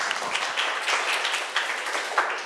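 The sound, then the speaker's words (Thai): A group of students in class claps together for a classmate who answered the teacher's question, a steady burst of dense, overlapping hand claps, moderately loud and sustained for a couple of seconds without any talking. “รับฟังปัญหาและนำมาแก้ไขในชีวิตประจำวันอ่ะตบมือเพื่อนหน่อยค่ะนักเรียน”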